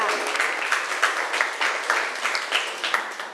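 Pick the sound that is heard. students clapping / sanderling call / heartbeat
students clapping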